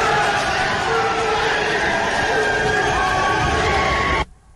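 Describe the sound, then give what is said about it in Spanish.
Senators, among them Rafael Nieto and Aida Bella, erupt in sustained cheering, shouting and applause in celebration, in favor of Doctor Enríquez, with dense applause-like noise, loud and continuous for about four seconds before cutting off abruptly. “el momento en el que uno ve a gente como Rafael Nieto, senador del Centro Democrático, con la senadora petrista Aida Bella, encantados, aplaudiendo y gritando a favor del doctor Enríquez. Este es un instante cuando estaban celebrando todas.”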